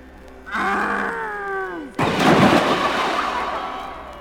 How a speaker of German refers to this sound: Habt ihr es gesehen? Der Wolf ist in den Brunnen gefallen. Ja, er ist in den Brunnen gefallen.